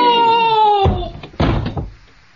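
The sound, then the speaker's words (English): A drawn-out creak gives way to two heavy bangs about half a second apart, like a door being slammed shut hard, with a brief rumbling tail and no voices. “Open the door, Watson!”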